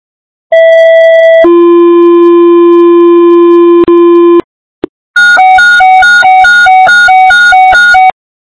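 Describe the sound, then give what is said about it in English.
Loud fire dispatch alert tones paging the Golf Park Fire department to respond to a fire alarm: a short high tone stepping down to a long steady lower tone, a brief pause, then a rapid pulsing series of beeps. No voices. “Golf Park Fire, stand by for Jones.”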